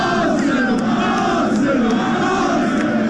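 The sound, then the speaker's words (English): A dense crowd of Arsenal football fans in red jerseys cheers and chants in London, celebrating the club's Premier League title win, a steady roar of many voices with sustained, overlapping shouts and sung calls that stay loud throughout without a break. “London erupted in a sea of red jerseys.”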